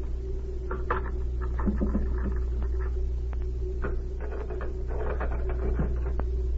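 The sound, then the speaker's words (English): A skeleton key scrapes and rattles in a desk lock, producing a string of small, irregular metallic clicks over a steady low hum, with no voices. “Perhaps one of these skeleton keys Z gave me will work.”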